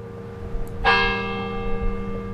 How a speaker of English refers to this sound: If it could be said that the University of Alabama's campus has a voice, it would be Denny Chimes. The days and nights of this institution have been marked by the sound of Denny Chimes' bells since the brick and limestone tower was completed in 1929.